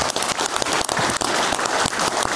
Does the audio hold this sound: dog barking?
no